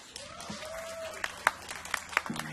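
An audience applauds in a large space, with a steady wash of crowd noise and several sharper, distinct claps standing out, plus a brief whistle-like tone early on.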